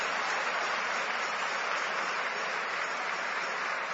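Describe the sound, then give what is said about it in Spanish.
An audience claps together for God in sustained, dense applause, a steady wash of overlapping hand claps that holds at an even loudness for the whole stretch with no voices on top. “Más fuerte ese aplauso para Dios.”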